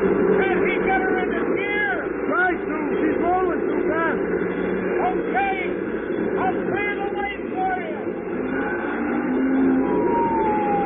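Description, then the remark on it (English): Police car sirens wail and yelp in rapid, overlapping rising-and-falling sweeps as a police car with red lights flashing pulls out in front to clear the lane, loud and continuous over a dense bed of traffic rumble and crowd-like hubbub. “Phil floored the gas pedal and pulled out in front. Sirens screaming, red lights flashing.”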